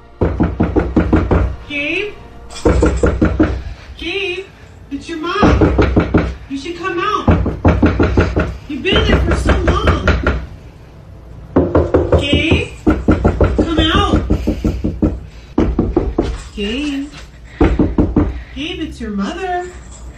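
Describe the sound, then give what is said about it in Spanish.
Loud, repeated knocking on the door of a house comes in sharp bursts throughout, mixed with voices speaking and overlapping the raps. “ella, esta chica, sabiendo que no había nadie en la casa, pregunta a aquello, fuera lo que fuera, que está llamando a la puerta, entonces, ¿cuál es tu nombre?”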